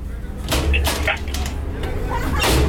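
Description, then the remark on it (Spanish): Several sharp knocks on a door, fairly loud, spaced irregularly over a couple of seconds, with some voice activity in the background between them. “¿Quién toca la puerta?”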